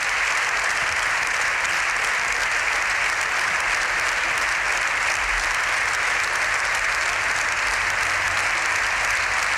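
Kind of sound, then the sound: crowd, standing ovation in parliament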